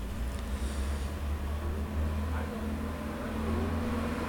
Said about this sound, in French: Une voiture verte suivie d'un grand camion blanc passe devant nous, près du boulevard Saint-Germain. Camionnette dépannage express couverture plomberie, taxi venant de la rue du Four, une moto avec deux personnes dessus.